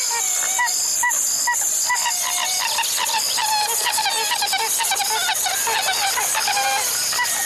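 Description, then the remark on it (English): A pied-billed grebe calls repeatedly in a rapid series of hollow, whooping notes against a busy marsh background with other birds and insects, steady throughout. “A pied-billed grebe.”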